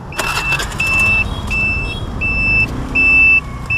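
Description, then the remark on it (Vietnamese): A plum-coloured motorbike, towing a trailer fitted with a large magnet bar for picking up nails, is started on roads in Hanoi, Vietnam; its engine rumbles steadily, with a series of evenly spaced high electronic beeps repeating over it; no one speaks. “Khởi động chiếc xe máy lít màu mận chín, kéo theo một xe lôi được thiết kế gắn thanh nam châm lớn để hút đinh”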